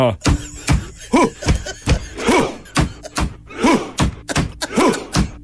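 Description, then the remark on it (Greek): Steady, rhythmic hand thumps imitating a Viking rowing drum beat out a drum-like pulse, roughly two per second, with loud shouted vocal cries rising over several of the beats. “Χτυπάνε με ένα τύμπανο, παπ, παπ.”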